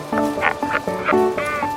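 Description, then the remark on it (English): A chorus of albatross calls in a breeding colony, as established couples reaffirm their bonds and young birds compete for partners: overlapping nasal, braying cries repeating in quick succession with a steady, fairly loud din and no voices. “All around him is the clamor of established couples reaffirming their bonds.”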